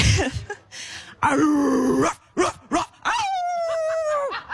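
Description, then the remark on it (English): A woman imitates a dog, giving a few short, loud barks and yelps, then, when asked for a wolf, slides into one long, steady wolf-like howl that holds for over a second before breaking off. “To be clear, it's a dog, but when I said wolf, she transitioned into a wolf.”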